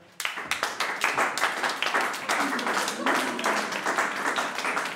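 A crowd claps steadily for several seconds, many hands making a dense, bright patter that starts abruptly and stays fairly loud throughout, with no voices rising above it.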